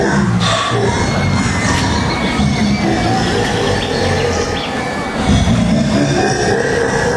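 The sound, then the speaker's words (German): A ghost train ride car with a skull on its front rolls in on its track, a loud continuous rumble with rattling clatter, steady for several seconds, with faint crowd-like murmur in the background. “Endlich fuhr wieder ein Zug ein.”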